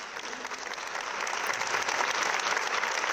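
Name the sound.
applause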